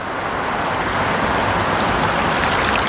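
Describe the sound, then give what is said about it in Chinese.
Shallow water of the Tagliamento River flows beneath a large concrete bridge near the town of Pinzano al Tagliamento, in a steady, unbroken rush, a dense hiss and babble that holds an even loudness throughout with no voices. “如今，横跨河面之上的是一座宏伟的混凝土桥梁，在桥下清浅的河水中生活着一群当地颇具代表性的鱼类。”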